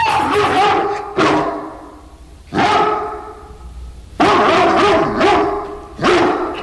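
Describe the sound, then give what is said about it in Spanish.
A dog barks loudly, about six sharp barks at an uneven pace over several seconds, with no one talking, as it jumps and barks in front of a horse. “Empezó a saltar y a ladrar frente al caballo.”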